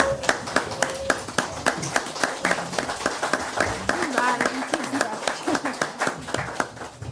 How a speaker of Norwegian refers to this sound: Skal vi ta en stående applaus?